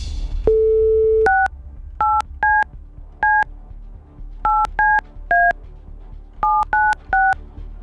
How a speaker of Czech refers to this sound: Já už to vím, čí telefonní číslo budu vytáčet a jdu na to. Tak se připravte.